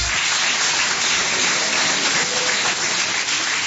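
A church audience claps steadily, a dense, even wash of many hands with no pauses, loud and sustained for the whole few seconds, with no voices standing out.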